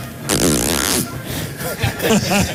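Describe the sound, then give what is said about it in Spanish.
A voice imitates a bird with a loud, raspy burst that sounds like a zipper being pulled, followed by softer warbling, voiced chirps mixed with speech. “Pero ahora parece una cremallera.”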